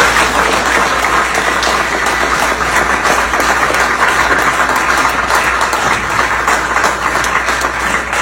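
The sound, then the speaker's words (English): Legislators applauding after a vote passing a new tax on ATVs, a dense, steady wash of clapping that stays loud and unbroken for the whole stretch, with no voices rising above it. “They're all clapping, like barking seals.”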